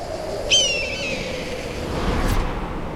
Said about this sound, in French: Waouh! Quelle puissance! C'est pas du petit battement d'aile de moineau qui vient de nous secouer les plumes. Le chant des cigales s'est arrêté net. C'est un aigle noir. Il est gigantesque.